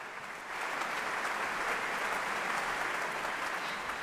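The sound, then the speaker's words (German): A large concert audience applauds with bravo shouts for cellist Anastasia Kobekina, the NDR Elbphilharmonie Orchestra and conductor Karina Kanellakis at the Schleswig-Holstein Music Festival opening concert, Musik- und Kongresshalle, Lübeck. Dense and steady, swelling after a brief softer start and holding at an even, loud level throughout, with no pause in the clapping. “Viel Applaus und Bravo-Rufe für die 31-jährige Cellistin, die immer noch wie ein junges Mädchen aussieht, und natürlich auch für das NDR Elbphilharmonieorchester und die Dirigentin Karina Kanellakis.”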